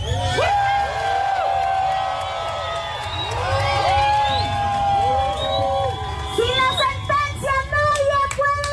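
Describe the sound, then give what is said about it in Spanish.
A loud crowd at a protest march against the installation of Fermaquem, demanding that ruling 543 be upheld, cheers and shouts together, many overlapping voices with rising whoops over a steady roar, turning into choppier, rhythmic bursts like a chant toward the end. “Vamos a escuchar un poco de lo que se vivió, de lo que se dijo en el contexto de esta marcha, de esta movilización en protesta por la instalación de Fermaquem y también por que se respete la sentencia 543.”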